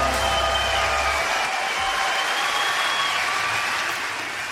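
An audience claps steadily for several seconds, a dense wash of hand claps at fairly even loudness that eases off slightly at the end, with no voices on top.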